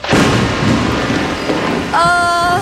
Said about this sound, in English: Stay calm. It's just a little rain.